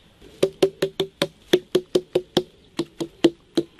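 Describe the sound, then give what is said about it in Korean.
A steady run of about fifteen sharp knocks on a watermelon that is somewhat hollow inside, evenly spaced with a brief pause partway, each tap giving a short dull, hollow thud. No one speaks. “얘는 속이 좀 빈 거죠.”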